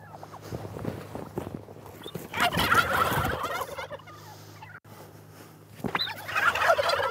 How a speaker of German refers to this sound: Christine will den kranken Puter auf ihre Krankenstation bringen.